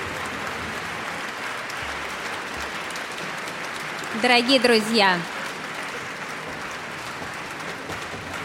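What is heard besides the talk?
audience applause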